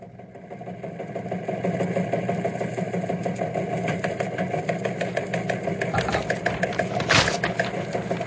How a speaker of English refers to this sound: You mean as long as the engine in his flying machine keeps going?